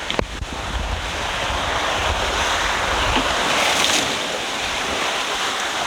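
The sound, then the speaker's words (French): Loud rush of sea water against a small sailboat crossing the Atlantic, with a sharp knock at the start and then a steady roar of surf and buffeting wind, no voices. “Oh, j'ai cru qu'on allait repartir au tapis.”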